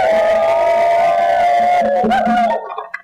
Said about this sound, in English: I'd like you all to give a round of applause for yourselves for coming out.